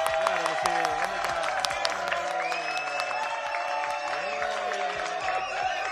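A large crowd applauds and cheers continuously, with scattered claps, shouts and whistles blending into a loud, steady roar that holds for several seconds.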